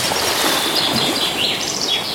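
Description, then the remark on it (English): Birds chirp and tweet over a steady, rushing wash of sea waves, sound effects in a Pure 24/7 Radio jingle, the calls rising and falling in bright bursts while the surf noise stays constant throughout. “Oh, don't you just love the sound effects to that jingle there? The sea and the birds, and that's the kind of experience you'll have on Pure 24/7 Radio.”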